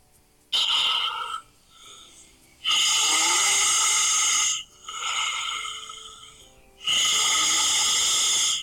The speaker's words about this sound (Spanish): Y tengo por acá un audio que, déjenme escuchar qué dice. A ver. ¡Ay, es un ronquido! A ver si les llega. Ahí te va.